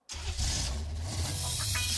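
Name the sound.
car engine revving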